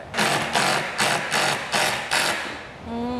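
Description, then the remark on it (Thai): An impact drill, made for drilling concrete and having only an impact mode, runs with a harsh, grinding clatter that pulses in six even surges, about two per second, then winds down into a fainter, higher whine. No one speaks. “เสียงอาจจะแปลกๆนะคุณผู้ชมเพราะว่ามันเป็นจอบกระแทกอันนี้ไม่มีโหมดอื่นด้วย”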